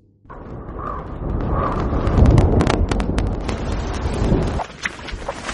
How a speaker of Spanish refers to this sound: Al principio del clip vamos a oír un valle, se va a ver, perdón, un valle, se oirán truenos a lo lejos y se oirá una lluvia.